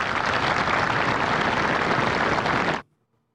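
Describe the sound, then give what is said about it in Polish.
Dense, steady applause from a large crowd at the ceremony accepting Poland's first F-35 aircraft into the Polish Armed Forces fills the space for nearly three seconds, then cuts off abruptly into near silence. “Brawa zasłużone. Słyszeliśmy, teraz braw nie ma.”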